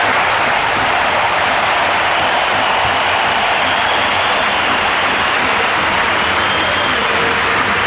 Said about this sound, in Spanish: también por supuesto aplaudiendo, todo el Bernabéu de pie, le falta un poquito más por parte del banquillo del Athletic, pero ahí está Valverde en la zona técnica, también aplaudiendo a Dani Carvajal, 27 títulos, 6 Champions, se despide del Bernabéu.